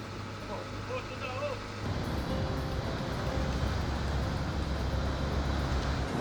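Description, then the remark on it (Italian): A low, steady engine hum gives way to a louder, rougher diesel rumble as a fishing boat's motors idle and warm up in the waters off Cetara, Italy, before casting off for the daily anchovy fishing trip, with faint voices in the background at the start. “sta scaldando i motori e si appresta a mollare gli ormeggi.”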